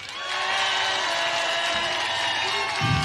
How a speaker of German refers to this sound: Einen Applaus.